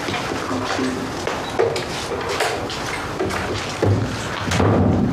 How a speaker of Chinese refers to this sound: 关门。